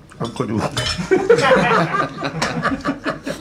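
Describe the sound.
Ice cubes and glasses clink on a table in a quick, irregular series of bright taps as someone takes all the ice cubes out of the glasses, with people talking and chuckling underneath.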